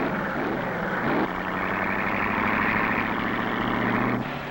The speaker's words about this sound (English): Car after car goes out.